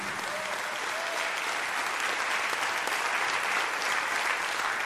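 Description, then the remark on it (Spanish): A church audience applauds the Lord steadily, a dense wash of many hands clapping at an even level for the whole stretch, with no voices standing out above it. “Si le va a aplaudir, aplaude al Señor todos con el corazón.”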